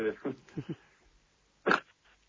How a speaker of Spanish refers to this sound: Perdón. Salud, te vino un estornudo justo.